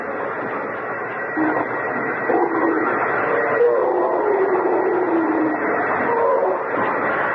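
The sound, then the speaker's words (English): A drill bores through a boulder, grinding steadily in a continuous harsh mechanical roar with a droning whine that wavers slightly in pitch, holding loud and unbroken throughout. “It's going through like butter. It won't be long. Hey! Arthur, stop the drill.”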